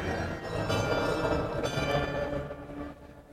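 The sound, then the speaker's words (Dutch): Carillon bells at the top of a tower, played by a man sitting outside, ring out in an overlapping flurry of bright, sustained tones, several pitches sounding together and blending into a shimmering wash that fades toward the end. “iemand die boven in de toren zit, maar een meneer die buiten op een carillon aan het spelen is.”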